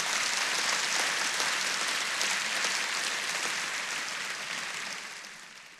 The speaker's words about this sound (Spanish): Este aplauso tiene que ser más fuerte.